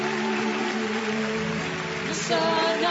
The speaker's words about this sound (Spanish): Fuerte ese aplauso para Dios.